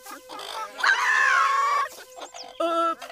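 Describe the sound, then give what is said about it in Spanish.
Hens cluck and squawk in a noisy flurry, one drawn-out, pitched squawk in the middle and shorter clucking bursts before and after, fairly loud throughout. “Voy a tener que ir personalmente a poner a esas gallinas en paz.”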